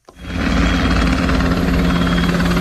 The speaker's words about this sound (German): Hubschrauber über der Stadt, eine Kolonne aus rund 70 Militärfahrzeugen mitten in der Nacht, eine Drohne mit Sprengstoff über dem Hafen. 3 Tage lang hat die Bundeswehr in Hamburg geprobt, was im Ernstfall passieren könnte, allerdings nur im Szenario.